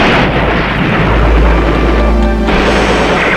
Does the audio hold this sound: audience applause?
no